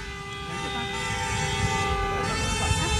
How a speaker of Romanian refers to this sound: Mulțumim pentru claxon, doamnă. Cine stă la semafor aici, intersecția Bulevardelor București semafor, cu Unirii, să mai dea o dată claxoane la semnalul lui Dan.